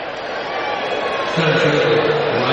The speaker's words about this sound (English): And they're, of course, booing the fact that he hit a home run to begin with.